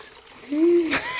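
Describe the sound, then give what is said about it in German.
A brief trickle of water running into a plugged washbasin in a washhouse, with a short tonal murmur partway through and a splashy burst near the end. “So, ein Stöpsel rein. Wasser ins Waschbecken.”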